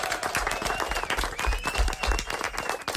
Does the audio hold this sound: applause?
yes